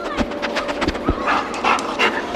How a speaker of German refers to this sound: Da schnüffelt jemand ganz aufgeregt. Jemand, der Menschen in Lawinen finden kann oder der Polizei bei der Spurensuche hilft. Ah, ein Spürhund.